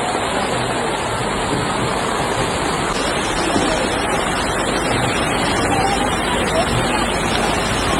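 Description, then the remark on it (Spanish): A dense, steady roar of heavy rain pours down without a break onto tarps sheltering people camped in the Puerta del Sol, Madrid, Spain, with an indistinct murmur of many people talking underneath, continuous throughout. “No es la lluvia lo que va a hacer que la gente que está acampada en Sol, en la Puerta del Sol, se marche de aquí, porque debajo de una tromba de agua, debajo de las lonas, la gente sigue intentando combatir como puede este aguacero que está cayendo”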